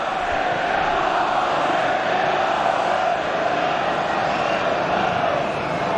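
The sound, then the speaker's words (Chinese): A large stadium crowd of Manchester City fans applauds and cheers after a player wins back possession, in a dense, steady wash of noise that holds at an even, loud level for the whole six seconds, with no distinct voices standing out. “盖伊这个球上提之后抢回球权，也让曼城队的球迷鼓掌致意。”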